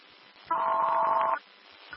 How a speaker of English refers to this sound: Just a phone. That's it.